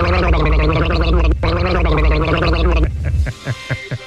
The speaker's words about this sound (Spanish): Gracias, mándales unas gárgaras, mijo, por favor, para que me guarden el buche.